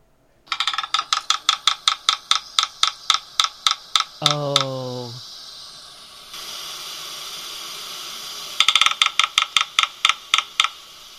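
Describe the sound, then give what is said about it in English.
Red-breasted sapsucker drumming: sharp, loud taps in an uneven rhythm that starts quick and then slows and stutters, followed by a short nasal call and a second, briefer drumming bout. “The drumming. The red-breasted sapsucker.”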